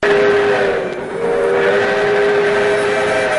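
The Skunk Train, a train departing from Willits, rolls steadily along the rails with a loud, continuous rumble and a sustained tonal hum, with no one speaking.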